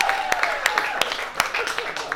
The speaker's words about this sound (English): Women like a guy who can dance, right? Clap it up if you agree, ladies. You like a guy who can dance.